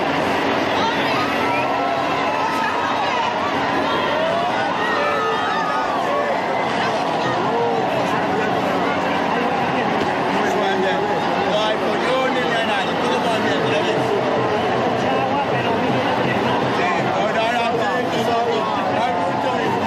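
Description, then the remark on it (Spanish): A dense outdoor crowd of thousands at the water festival closing the San Roque festivities in García de Arousa fills the streets with steady loud babble, shouts and cheers as balconies, tanker trucks and neighbours drench them with water, high excited voices rising and falling over a constant roar of many people talking. “Y a partir de ahí, balcones, camiones, cisterna y vecinos convierten las calles en una auténtica ducha colectiva.”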